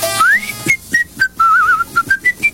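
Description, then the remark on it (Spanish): Someone whistles a short melodic tune: a rising opening note, then a string of brief pitched notes with a wavering trill in the middle, clear and alone. “Dice, empieza a silbar y se va la pieza.”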